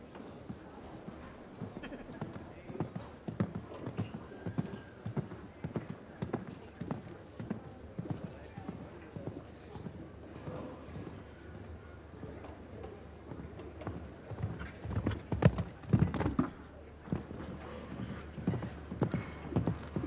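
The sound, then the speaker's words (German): Steady rhythmic hoofbeats of a show-jumping horse clip-clopping at a regular pace during a jump-off, moderately loud, with faint crowd or background noise and a brief louder burst partway through. “So, von der Anzahl der Galoppsprünge genauso wie Weißhaupt leider ein bisschen zu flach geworden, das Pferd.”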